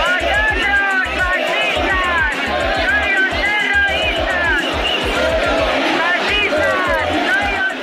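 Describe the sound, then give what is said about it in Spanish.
A dense, loud protest crowd of many voices shouting over one another, hurling insults at journalists and at the head of government in a verbal confrontation, with rising yells and rhythmic low thuds running steadily beneath the continuous roar of agitated voices. “Insultos a los periodistas, también al presidente del gobierno y enfrentamiento verbal sin incidentes graves, afortunadamente. El sonido lo recogían los compañeros del Faradi.”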